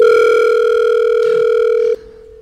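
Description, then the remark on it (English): A loud, steady electronic telephone tone from an outgoing call hums continuously for about two seconds, then drops abruptly to a quieter sustained tone, with no voices present. “Let's dial someone.”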